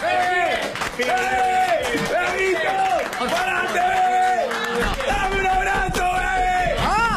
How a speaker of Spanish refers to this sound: ¿Te podemos dar un aplauso grande? De pie, bebé. De pie.